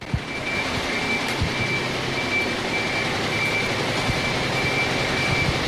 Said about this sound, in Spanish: Nuestro oído identifica al camión de la basura, porque además del motor suena ese característico pitido.